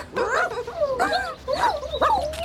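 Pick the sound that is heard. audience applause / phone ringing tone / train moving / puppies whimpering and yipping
puppies whimpering and yipping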